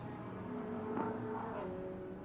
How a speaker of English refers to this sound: Safety car one coming through turn 8 at the moment.